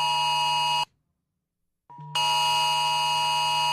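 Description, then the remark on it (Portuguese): A phone emergency alert tone blares loud and harsh, a steady buzzing electronic tone that cuts off briefly, falls silent for about a second, then resumes at full strength. It is from an alert bearing the single word 'Misantropia', sent around one in the morning on a Saturday to residents of Brazilian cities such as São Paulo and Rio de Janeiro. No one speaks. “Meu Deus, é pra desligar isso do telefone.”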